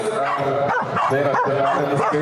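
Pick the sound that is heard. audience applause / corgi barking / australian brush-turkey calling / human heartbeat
corgi barking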